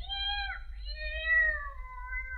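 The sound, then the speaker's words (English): A cat gives a drawn-out, wavering meow lasting a couple of seconds, fairly clear, with a low rumble of background hum beneath it and no talking. “Not being a cat, I don't know if that means yes or no.”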